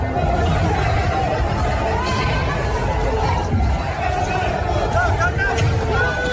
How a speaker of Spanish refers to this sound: Escuchamos en efecto disturbios y lo que nos enseña el vídeo es una sucesión de coches volcados en las calles de París con dos turismos en llamas, pero el vídeo es falso.